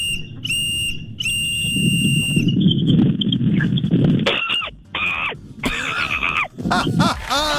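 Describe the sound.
A voice imitates a monkey's scream using a whistle: shrill, high whistling squeals, first held steady, then in wavering, chattering bursts over a low rumbling background.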